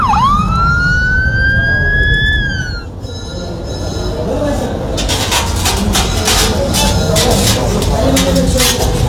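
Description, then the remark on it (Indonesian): An ambulance siren wails loudly for about three seconds, its pitch sweeping upward, then gives way to a dense, noisy rumble with sharp clattering bursts. “Panggil ambulan, cepet-cepet.”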